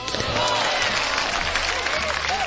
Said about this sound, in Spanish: Un aplauso para todos los borrachos.